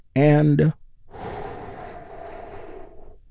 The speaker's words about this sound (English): And we get things started by taking a slow, deep healing breath with me. Here we go.